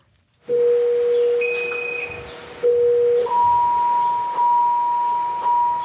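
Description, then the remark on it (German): A patient monitor alarm sounds in the central monitoring station of a Jewish hospital, where four nurses sit at screens, set off when pulse is too high or blood pressure or blood oxygen too low; a sustained low electronic tone with brief higher pings layered over it, then a steady higher-pitched tone with slight pulses. “Dann tönt ein Alarm in der Zentrale der Überwachungsstation, wo vier Schwestern und Pfleger vor Bildschirmen sitzen.”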